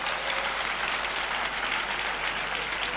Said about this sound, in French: Applaudissons le Seigneur qui veut nous donner.